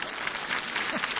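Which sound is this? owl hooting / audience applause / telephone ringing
audience applause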